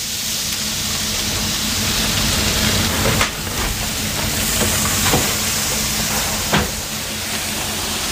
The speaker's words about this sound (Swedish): Nu var det dags att börja laga maten. Först ut är kycklingfärsen som ska stekas i Ivarion.